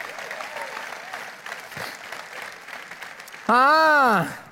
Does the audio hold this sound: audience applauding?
yes